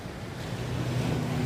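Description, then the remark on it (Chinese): A steady, hollow whooshing roar like surf, heard through an ear shell held to the ear to hear the sound of the sea, swelling slightly over its short span with no voices. “这个是耳朵螺，可以听一下大海的声音。”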